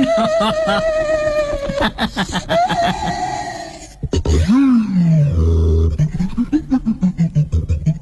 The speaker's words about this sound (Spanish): Escuchen bien eso. Es el sonido de el daxófono. Daxófono. Daxófono. Es una un instrumento musical experimental inventado por un guitarrista